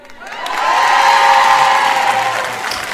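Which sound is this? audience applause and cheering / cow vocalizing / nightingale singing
audience applause and cheering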